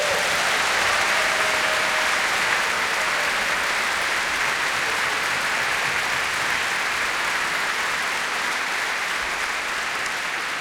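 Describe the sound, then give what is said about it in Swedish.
A large audience at a stage show applauds steadily for the backstage crew, a dense wash of clapping that stays loud and even for about ten seconds, with no voices rising above it. “Kan inte de få en riktigt stor applåd?”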